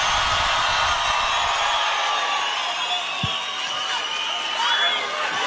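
A large, sold-out concert crowd at the RFM concert at the Festas do Mar in Cascais roars and cheers in a steady, dense wash of noise, with scattered shouts and a single low thump partway through.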